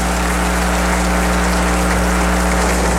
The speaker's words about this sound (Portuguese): Uma salva de palmas para nós que viemos rezar.